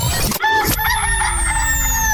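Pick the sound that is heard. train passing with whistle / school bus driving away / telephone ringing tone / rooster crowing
rooster crowing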